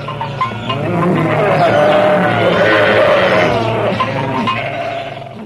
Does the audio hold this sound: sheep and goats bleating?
yes